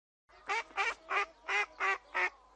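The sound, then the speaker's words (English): A black and white duck quacks six times in a steady, evenly spaced series, each quack short, nasal and fairly loud, with nothing else around it. “I'm Duck, a black and white duck.”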